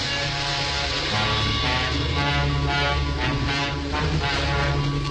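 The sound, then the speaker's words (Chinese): A large convoy of trucks drives off toward an oil depot, heavy engines rumbling and droning steadily throughout, a loud, continuous mechanical roar with no voices. “皮劳特他们跟着大队卡车来到油库停下来，然后他们穿过伤病员队伍来到火车机头跟前。”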